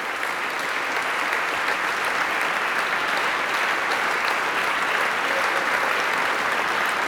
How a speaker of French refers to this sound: Et puis Sébastien Dossé qui fait se lever tous les musiciens de l'ensemble Correspondance sous les applaudissements du public liégeois. Public de ces Nuits de Septembre.